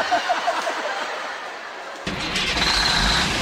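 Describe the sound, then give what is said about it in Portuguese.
A truck engine cranks and turns over after a couple of seconds of steady hiss, then settles into a loud, low rumble with no talking, as the driver sets off on the road at dawn. “Ele sai logo de madrugada e vai pegando a estrada com seu caminhão.”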